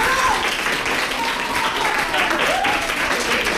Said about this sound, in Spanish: Quiero pedir un aplauso para lo que acaban de decir los tres.